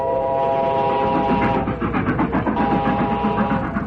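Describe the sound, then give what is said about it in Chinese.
A loud, steady train whistle sounds from afar over the rumble of a freight train loaded with military supplies passing beside a railway crew hut in the Soviet Union, its wheels clattering in a quick, rhythmic beat. No one speaks. “远处突然传来火车的叫声，不一会儿，一辆装满军用物资的列车便呼啸着从倒班房旁边开了过去。”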